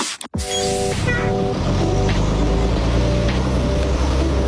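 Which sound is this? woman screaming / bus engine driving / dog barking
bus engine driving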